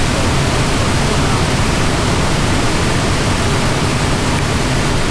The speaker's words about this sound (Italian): Ci avviciniamo fin dove possiamo, poi ci sistemiamo sui grandi massi, vicino ad un ontano nero monumentale, con davanti la cascata e il rumore dell'acqua che riempie tutto.